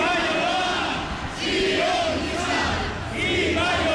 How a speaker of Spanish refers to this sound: A lo largo de la marcha se profirieron gritos contra la policía vasca, el gobierno vasco, el PNV o el consejero Zupiria, acusándolos a todos ellos de sionistas.